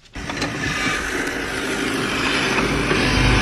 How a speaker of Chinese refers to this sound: 在855农场的大豆田里，大马力拖拉机正牵引着汽车式施肥播种机紧张作业。